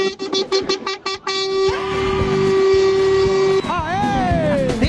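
A truck horn honks in a quick string of short blasts, then holds one long, loud, steady blare before the tone bends and wavers at the end.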